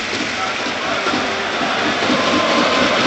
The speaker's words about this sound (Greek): Όλο το Telecom Center αντιλαμβάνεται γιατί φαίνεται στο κύριο του γήπεδο ότι ο Αζεντίνου να είναι στο γήπεδο και όλοι χειροκροτούν.